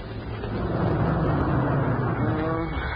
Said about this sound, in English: Then we get to a place where two roads branched off. Ginger stopped the Jeep.